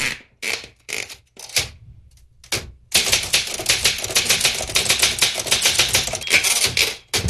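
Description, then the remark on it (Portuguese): A typewriter typing out a message: a few separate, spaced keystrokes, a brief pause, then a fast, continuous flurry of sharp, loud key strikes with no voices. “E o recado é o seguinte, deixa eu escrever aqui, ó.”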